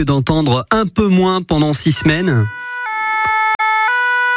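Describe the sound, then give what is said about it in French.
A man speaks, then a French fire brigade siren takes over, a loud two-tone wail alternating between high and low pitches, clear, sounding alone after the talk ends. “C'est une sirène que les Français”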